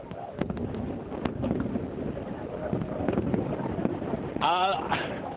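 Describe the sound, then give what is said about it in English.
Fireworks pop and bang in scattered sharp bursts over a dense, noisy crowd murmur in New York, with a rising whistle near the end as another one goes up. “I think everyone is just too wowed by the fireworks, and to hammer home how many people are here, none of our cell phones are working.”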